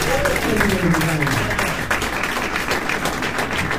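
An audience applauds steadily after a jazz performance with piano and guitar, dense clapping at a fairly loud, even level, with a brief vocal whoop or cheer rising out of the crowd near the start.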